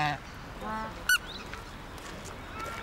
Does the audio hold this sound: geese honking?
yes